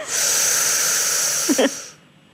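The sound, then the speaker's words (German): A long, deep breath drawn in steadily for nearly two seconds by a person lying down practising breathing, a broad airy hiss, ending with a brief catch before fading to quiet. “Jetzt atmen Sie mal ein.”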